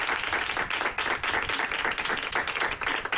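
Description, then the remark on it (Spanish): Steady, dense applause from an audience for Alberto Ginés, many hands clapping at once in a continuous wash of sound that stays loud and even throughout with no voices standing out. “Un aplauso para Alberto Ginés.”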